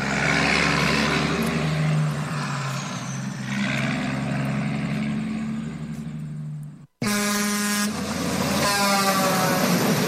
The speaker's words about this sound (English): Dang, looks like a bunch of us 18-wheelers are lining up now. Heck, we got us a convoy heading for Jackass Joe's in Crescent Junction, Utah.